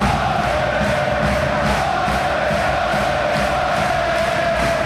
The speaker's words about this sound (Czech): Deset tisíc fanoušků už dlouho před zápasem skáče, tleská a zpívá.